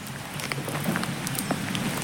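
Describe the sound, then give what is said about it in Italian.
The small fountain inside the chapel of San Romualdo at the hermitage of Camaldoli trickles steadily, a soft continuous wash of running water dotted with quick, bright drips and splashes, with no voices. “C'è il silenzio delle celle dell'eremo di Camaldoli, in sottofondo il rumore dell'acqua che scorre nella piccola fonte dentro la cappella di San Romualdo”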